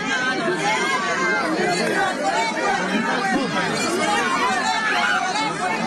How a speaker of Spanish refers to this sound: Vamos a ir escuchando un poco de los pedidos que se hacen, el sonido ambiental en este momento, porque hay muchos gritos, solicitudes. Vamos a ir escuchando.